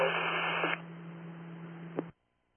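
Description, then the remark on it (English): Harsh radio static hisses steadily with a low electrical hum beneath it, briefly louder at first, then crackling on for about two seconds before cutting off abruptly into silence. “It was mostly static, but I think a copy is intoxicated and requesting an ambulance.”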